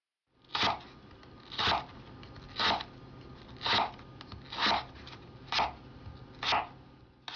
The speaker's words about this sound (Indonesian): Kalau kita sudah mengiris-iris wortelnya,